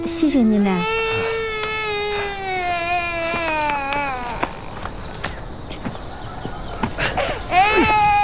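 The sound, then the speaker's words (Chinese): A child wails loudly in long, drawn-out sobbing cries that rise and fall in pitch, pausing briefly before bursting into crying again, with faint knocking sounds in the background. “哎，没事没事，孩子哭了，你闹坏了。”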